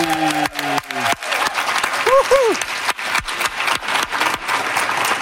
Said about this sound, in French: Applaudissez bien fort, Laurent Duvernay-Tardif! Hey!